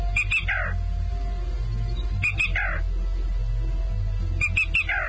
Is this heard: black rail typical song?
yes